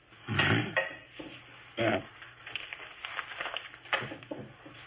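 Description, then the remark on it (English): Small objects taken out of someone's pockets, including keys, clatter and thump onto a hard surface, a few distinct knocks and jingles followed by softer shuffling and rustling as items are laid down one after another. “take everything out of your pockets. Put it right down here.”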